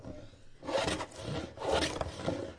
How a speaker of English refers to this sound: The sounds of sanding, filing, and chipping, and the aroma of spruce fills a classroom in Thunder Mountain Middle School early Monday morning. Students are working on something pretty atypical of a conventional classroom experience.